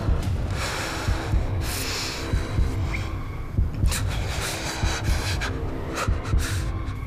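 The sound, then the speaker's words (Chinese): A low, muffled heartbeat throbs steadily for several seconds, mixed with breathy, snorting bursts of noise and a dull background hum; no one speaks. “如果你再这么固执，你那美妙的心跳声会跟你的生命一起消失。”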